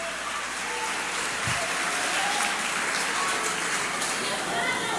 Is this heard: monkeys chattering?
no